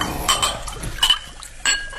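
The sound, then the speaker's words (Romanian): Wine is poured as glassware and dishes clink sharply a few times, with a soft liquid pouring sound running underneath between the bright metallic-glass hits. “Dar mai întâi să luăm câte un rubiniu.”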